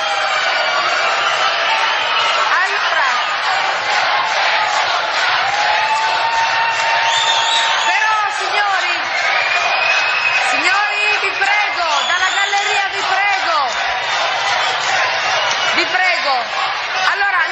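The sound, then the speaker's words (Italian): A theatre audience in the gallery and stalls shouts and jeers in disagreement like stadium fans, a dense, continuous roar of many voices with rising and falling yells, whistles and chant-like calls throughout. “tifo da stadio, capisco la vostra contrarietà, capisco la vostra contrarietà.”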